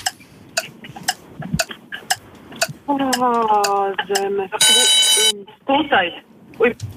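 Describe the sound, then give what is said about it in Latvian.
A sharp, steady ticking like a countdown clock during a geography quiz question, then a loud, bright bell rings for about a second, with voices and a brief tonal sound around it. “Nu tāds līdz ar zvanu, principā jau durvis aizvērās.”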